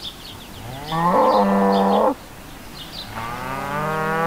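Cows moo outdoors on a cow meadow in the countryside, two long, loud bellowing calls in close succession, the second rising toward the end, with faint bird chirps in the background.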